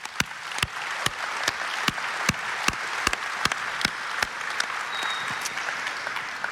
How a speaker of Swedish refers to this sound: Man blir glad när man möter lokalpolitiker och lokala tjänstemän av er kaliber. En varm applåd!